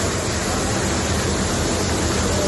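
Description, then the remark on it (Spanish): Heavy water from torrential rain pours and rushes steadily inside the Sants train station in Barcelona, Spain, a dense, unbroken roar, loud with no voices and no pauses. “Que escuchan es el sonido del agua en las instalaciones de la estación de tren de Sants, en Barcelona.”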